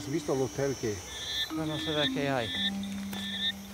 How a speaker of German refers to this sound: Mit der Dunkelheit werden die Frösche in der Reserva Otonga aktiv, wie Giovanni Onore das Gebiet inzwischen benannt hat.